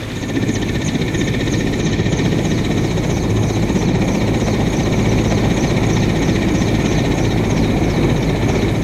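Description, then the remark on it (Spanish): A helicopter roars as its crew flies to a support point to evacuate people sick with malaria, its dense low rotor thump and engine whine holding steady and loud for the whole stretch, with no voices over it. “No, más tarde la tripulación del helicóptero se dirigió hacia nosotros, a nuestro punto de apoyo, porque teníamos personas enfermas de malaria y había que evacuarlas.”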